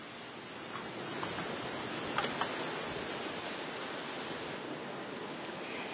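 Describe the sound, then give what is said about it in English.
A steady, dense roar of huge ocean waves crashing along the beaches of the Florida Panhandle, one continuous rushing wash with faint surges, loud, with no voices. “Earlier, huge waves crashed along the beaches of the Florida Panhandle in Alabama.”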